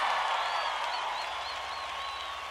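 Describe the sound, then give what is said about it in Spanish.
A crowd applauds steadily in tribute to all the composers of Mexico, a dense wash of clapping that holds at an even, loud level throughout, with a few faint whistles rising above it. “Quiero que les brindemos un aplauso a todos los compositores de México, por favor, ¿sí?”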